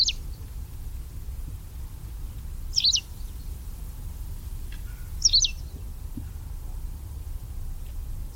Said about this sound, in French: Voilà un oiseau bien présent toute l'année, c'est la bergeronnette grise qui n'a pas peur de la présence humaine et qu'on voit se poser sur les toitures, sur les antennes de télévision ou bien au sol en train de chercher de la boue